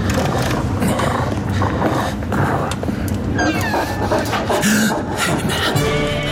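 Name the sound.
wolf growling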